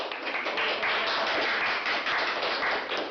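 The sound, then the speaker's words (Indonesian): People in a room applaud as seven candidates are announced as having passed a bus driver entrance test. Many hands clap in a dense, crackling wash that holds at an even, fairly loud level for the whole stretch, with no voices. “Tepuk tangan pun menggemuruh.”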